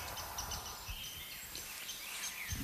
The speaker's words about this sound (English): Oh, there's a rose-breasted grosbeak singing. Well, that is excellent. That's a bird that we mostly get as a migrant. You hear that? That beautiful, sweet song. That is beautiful. It's sort of been described as like if a robin took singing lessons.